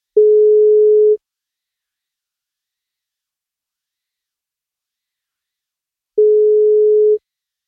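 A telephone ringback tone on an outgoing birthday wake-up call to a woman: two steady, clear tones about a second long each, separated by roughly five seconds of silence, with no voices.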